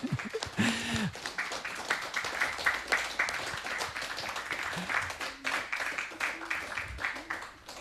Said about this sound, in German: Ihr hört das Guerilla-Radio live aus der Roten Fabrik. Es gibt hier noch Applaus.